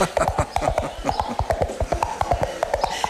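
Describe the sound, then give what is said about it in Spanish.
Two hollow coconut shells knock together in a quick, steady galloping rhythm, a theatre and radio drama sound effect imitating a horse's hooves clip-clopping. The crisp strikes continue throughout with no voices. “Y, por ejemplo, uno de los recursos más famosos de radioteatros y teatros de todo tipo era hacer el sonido de caballos con dos cocos chocando.”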